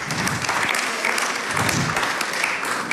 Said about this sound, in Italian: Ringraziamo la ministra con un grande applauso, perché veramente in questi giorni difficili averla qui per noi è stato un onore.